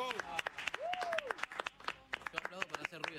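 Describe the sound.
An audience applauds to welcome a guest artist, with dense, irregular claps throughout, while voices cheer over it and a rising-and-falling whoop or whistle cuts through briefly partway in.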